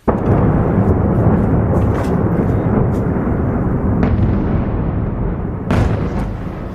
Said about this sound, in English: Explosions lit up the sky as missiles and drones hammered the Ukrainian capital, killing at least 19 people in the region.